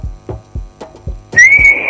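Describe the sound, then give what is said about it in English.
A series of soft, rhythmic low thumps gives way to a short, steady note whistled by a person, held for about half a second, fairly loud, with no talking. “Now that sounds more like a whistle.”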